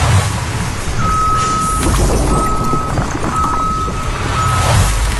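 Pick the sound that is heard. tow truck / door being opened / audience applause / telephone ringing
tow truck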